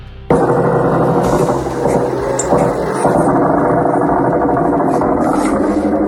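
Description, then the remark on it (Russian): Attack drones buzz over a house during a drone attack on the port of Ust-Luga, in a loud, steady engine-like drone that starts abruptly and holds throughout, with a few brief sharper bursts breaking through the continuous hum. “Над домом летают. Жужжат и все где-то летит.”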